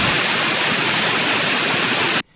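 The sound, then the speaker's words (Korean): A loud, steady roar of a military aircraft turbine engine, one of two engines developed with South Korean domestic technology and able to run for thousands of hours, running continuously with a broad hissing whine, cutting off abruptly at the end. No voices. “이를 극복하기 위한 첫 걸음, 수천 시간 가동할 수 있는 군용기 엔진 두 종이 국내 기술로 개발됐습니다.”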